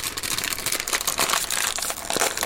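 Steady crunchy munching with crackly, crinkling bursts repeating over a couple of seconds as food is bitten and chewed. The sound is fairly loud and busy, with no voices.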